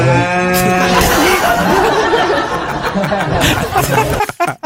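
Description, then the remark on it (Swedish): A cow lets out a loud, drawn-out moo, starting as a clear low tone and turning rough and raspy before ending abruptly. “En svartsjuk ko helt enkelt.”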